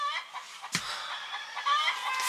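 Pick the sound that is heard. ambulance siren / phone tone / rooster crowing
rooster crowing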